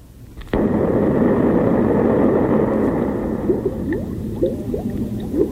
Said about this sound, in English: Bubbles? Yeah, it's bubbles. Why would they put that after an explosion? Are they threatening to turn us into bubbles? No. It sounds so much like rain, doesn't it?